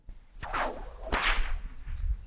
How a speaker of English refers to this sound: Yes, the stock whip. It's a tool of the trade and one that is still used in operations today. But from cattle camps to stock routes, that crack, well, it's kept more than just the cattle in line. They take a lot to make.